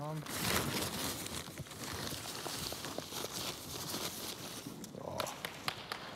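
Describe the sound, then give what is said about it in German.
Continuous rustling and crackling with sharp tearing bursts while Dijon, an Alt-Oldenburger horse in police horse training, goes over a small hurdle: a dense, fairly loud papery noise with irregular snaps throughout, mixed with a few thudding steps and a brief tonal sound at the start. “Auch das Rascheln, Reißen und Knistern macht ihm nichts aus.”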